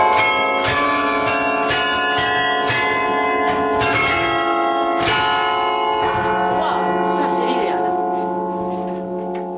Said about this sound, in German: Die Glocken von Halle beenden die Regionalnachrichten